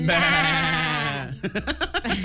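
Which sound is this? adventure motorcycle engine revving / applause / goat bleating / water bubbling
goat bleating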